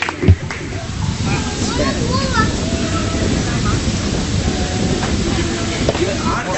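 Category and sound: crowd, big audience applause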